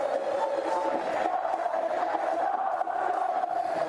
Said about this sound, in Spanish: Se levanta la hinchada. Ahora sí. Con gritos, ¿no? Sí, sí, hubo un reproche generalizado.